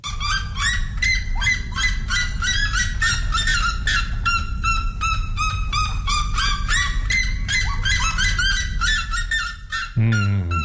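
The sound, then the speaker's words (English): A red-legged seriema, one of the world's loudest birds, calls loudly, a relentless run of rapid, shrill yelping notes repeated for about ten seconds, ending abruptly with a brief low thump. “And its equally loud colleague, the red-legged sirenia.”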